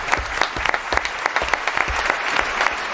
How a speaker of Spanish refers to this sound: Un aplauso para Rafael, a nuestro oyente.